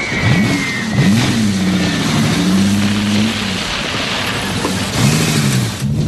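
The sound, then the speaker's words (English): A guard's car engine revs in a few rising and falling surges as the car backs up, loud, with a steady low rumble between pushes of the throttle and no voices. “Tracy runs to her convertible as the guard's car backs up.”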